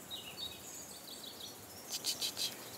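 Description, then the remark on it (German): Birds call back and forth from one side of a valley to the other in the Alentejo, at a birdwatching hotspot, thin chirps and warbles drifting, with a brighter burst of several quick calls near the end over a soft outdoor hiss. “Hörst du die Vögel?”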